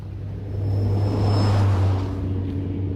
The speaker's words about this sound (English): Oh, shall we get on it and head over to Hyde Park for a stroll? Good idea. I'll stick my hand out for the bus.